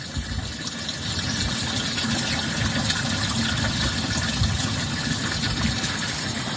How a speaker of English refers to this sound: But look what's happening. As you can see, there's sewage water coming from all up here, and it is going leaching into an underground culvert.